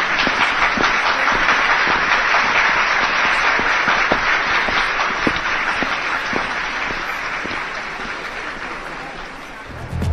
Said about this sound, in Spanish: Un aplauso, por favor.